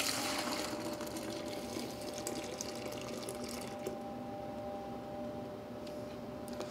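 Potato starch and water are poured steadily into a measuring cylinder, a continuous splashing, gurgling hiss that holds for several seconds with a faint steady hum underneath and no talking.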